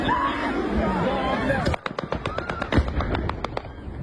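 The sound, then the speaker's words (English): A rapid string of sharp machine gun cracks from local air defence trying to shoot down a drone diving toward a burning shopping centre, about a dozen irregular bursts, follows a stretch of loud rumbling noise, with faint voices in the background. “You can hear the crack of machine gun fire, but that is unsuccessful.”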